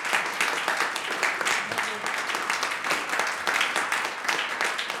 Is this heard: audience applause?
yes